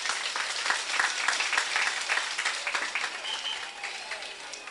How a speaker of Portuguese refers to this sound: Uma salva de palmas para as nossas crianças.